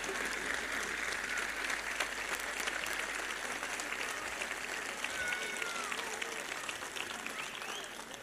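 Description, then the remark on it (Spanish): A crowd claps steadily, a dense crackling wash of applause holding at an even volume for the whole stretch, with a faint voice or whistle briefly rising through it partway. “Acompáñelo el aplauso para que no se quede sola la gente acá.”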